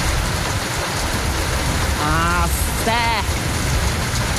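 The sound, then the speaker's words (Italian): Steady rain falls outside a garage in Bironico, a dense, even hiss that fills the whole recording, with a couple of brief, indistinct voices rising over it near the middle. “fuori c'è il piove”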